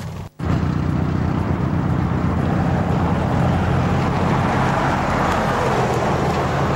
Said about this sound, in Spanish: Si ustedes ven, este pozo está señalizado, pero pasan los vehículos.